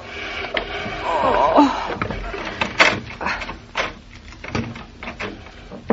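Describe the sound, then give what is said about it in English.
A heavy chair is pushed, not lifted, across a floor in uneven, grinding pushes, with a brief high squeal early on and a few sharp knocks and bumps between strokes. “Give me a hand with the chair, Mama, will you?”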